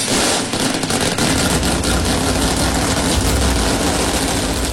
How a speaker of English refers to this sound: America and gentlemen, start your engines.